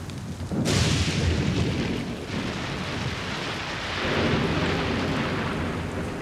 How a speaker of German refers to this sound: Schon krass, ey, Gewitter in den Bergen. Ist auf jeden Fall ein anderer Schnack, mein bisher heftigstes.